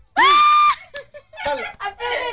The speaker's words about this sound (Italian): Applauso. Ci sono. Provate a immaginare quanti sono sulla base di questo applauso. Secondo te quanti sono?